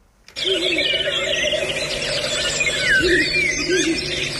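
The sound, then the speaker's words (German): A Ural owl calls with shrill, squealing cries over a dense, continuous chorus of chirping birds, caught on a microphone by radio reporters, with no one speaking. “Ja, also da hört man einen Habichtskauz und die Reporter und Reporterinnen sind ja ganz entzückt, ne?”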